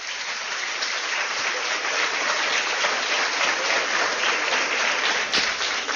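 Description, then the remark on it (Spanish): Sustained audience applause at a community's 100-year anniversary celebration, a dense, steady crackle of many hands clapping at an even loudness throughout, with no voices standing out above it. “Y yo creo que todos deben darse un aplauso, 100 años.”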